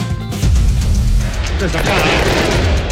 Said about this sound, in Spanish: No, son efectos. Son efectos, son de verdad los fuegos artificiales ahora, ¿eh?